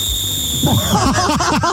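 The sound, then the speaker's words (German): A whistle is blown in a standard loud whistle signal: a shrill note held steady and high for about a second, then breaking into a rapid jumble of warbling, squeaky chirps. “Ah, okay, ja, dann pfeifen wir einmal für uns. Wie wäre so der Standard-Pfeif-Move? Ist aber laut.”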